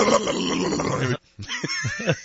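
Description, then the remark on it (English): A voice imitates an old car engine struggling to start in the morning, a coughing, dying vehicle: about a second of harsh, raspy rumbling, a short pause, then a run of choppy, sputtering coughs. “He would do his like horrible coughing, dying vehicle sound of the morning.”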